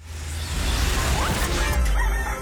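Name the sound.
rooster crowing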